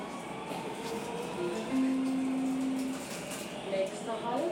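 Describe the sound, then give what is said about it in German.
A subway train riding a few stations through the city centre of Nuremberg: steady rumble of the carriage with a rising electric motor whine, and faint murmuring voices in the background. “Mit der U-Bahn sind es ein paar Stationen quer durchs Zentrum und ein weiterer Ort der Erinnerung ist erreicht.”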